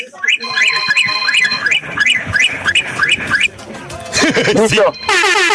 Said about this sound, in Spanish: Va, carnal, ocupo, por favor, que me des 17 bocinazos cortititos. Pero ya, vámonos, 17.